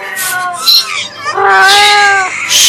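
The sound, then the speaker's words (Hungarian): A cat yowls angrily in two drawn-out, wavering cries, the second longer and steadier, with a harsh hissing edge at the end, as it leaps at a robber. It sounds loud. “a macska nem vetett répára, hogy a szemébe gyújtószálkával akarnak piszkálni, és nekiugrott a rablóképének.”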